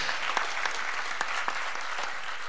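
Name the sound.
audience applause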